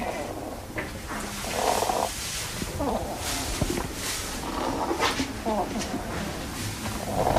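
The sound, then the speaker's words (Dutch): A hedgehog named Koos, which has lungworms, breathes with a rattling, wheezy sound, a rough snore-like rasp repeating in uneven bursts throughout, steady and moderately loud with a crackly, bubbling texture. “En misschien dat je de microfoon ook even bij Koos kan doen, want dan hoor je dat hij ook een beetje een reuteltje heeft.”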